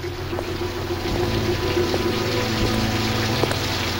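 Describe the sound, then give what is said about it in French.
Heavy rain pours down in London in late 1938, a dense, unbroken hiss that swells slightly after the first second, with a low steady droning hum running beneath it and no voices. “Sous une pluie battante et sans un sou en poche.”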